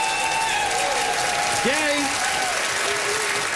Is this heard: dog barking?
no